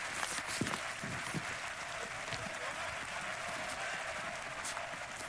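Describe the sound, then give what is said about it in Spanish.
A large bullring crowd at the Plaza de Toros de Las Ventas in Madrid applauds and cheers bullfighter Morante de la Puebla as he removes his coleta after a bullfight, in a dense, steady roar of clapping that holds at an even level throughout, with no one speaking over it. “Morante de la Puebla en la Plaza de Toros de Las Ventas, quitándose la coleta, signo de retirada de un torero, entre la sorpresa del público que lo vitoreaba tras brindar una tarde de toros grandiosa.”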